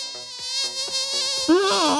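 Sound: mosquito buzzing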